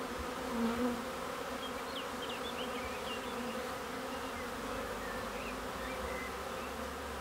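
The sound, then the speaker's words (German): A steady, dense hum of many honeybees buzzing together at hives made for them by a beekeeper, in which they build their combs naturally; faint high chirps of birds are scattered in the background and there are no voices. “Für seine Bienen erschafft er solche Wohlfühloasen, Behausungen, in denen sie auf ganz natürliche Art ihre Waben bauen können.”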